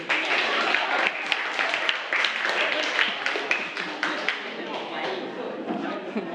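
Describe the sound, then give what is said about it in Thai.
A group of students in a class claps steadily for several seconds for a classmate at the teacher's call, a dense patter of hands with excited voices and chatter mixed in underneath, tapering slightly toward the end. “ปรบมือให้สุดหล่อหน่อย”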